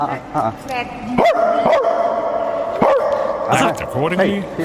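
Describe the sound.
Human voices imitate a dog in a bark-off at a royal palace, trading sharp barks and yips back and forth in quick bursts, fairly loud over a steady background murmur.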